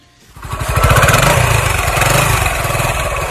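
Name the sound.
motorcycle engine running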